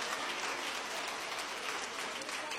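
An audience at the Igreja Deus é Amor world headquarters applauds for Jesus during a Wednesday service, a dense, continuous wash of many hands clapping at an even loudness for a few seconds, with no one speaking over it.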